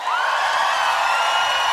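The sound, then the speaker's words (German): A crowd applauds and cheers loudly and steadily for a band on stage, with a sustained whistle or whoop rising above the dense wash of clapping throughout. “Kann ich bitte noch einen großen Applaus haben für die Band?”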